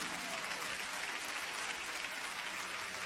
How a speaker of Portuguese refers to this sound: Palmas para Jesus.